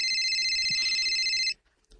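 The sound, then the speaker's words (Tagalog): A phone rings on an outgoing call to a cellphone, a steady electronic ringback tone holding for about a second and a half before cutting off into near silence with faint background noise. “Numero na sa cellphone sa kagaw”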